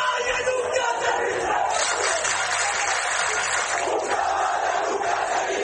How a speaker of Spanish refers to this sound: Este altercado coincidió con una manifestación por un grupo de ceutíes que accedió a la playa del Trampolín al grito de "una caballa nunca se rinde".